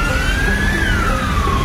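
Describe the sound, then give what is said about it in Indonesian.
An ambulance siren wails with a slow rising and falling tone, loud, over a steady low rumble of engines and traffic on a congested road. No one speaks. “Ikutin belakang ambulans aja deh biar cepet.”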